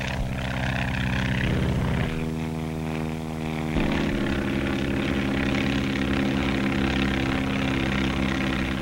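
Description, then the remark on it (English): A skywriting airplane's propeller engine drones steadily and loud as it writes with smoke in the sky, its pitch shifting midway as the throttle changes, with strong low harmonic tones throughout and no voices. Such planes cruise at over 120 miles an hour. “To stand the terrific strain of turning and twisting, the planes have to be strong, yet capable of a cruising speed of over 120 miles an hour.”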